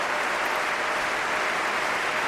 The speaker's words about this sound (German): Sie hören den Jubel.